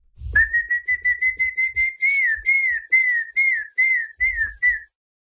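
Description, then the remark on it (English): A person whistles an imitation of a famous bird call as a WhatsApp voice note in Brazil, a repeated series of about thirteen short, bright pulses that start quick and slow into longer sliding notes, fairly loud with no talking. “imitating the famous call of the bird, you know, when you hear sometimes.”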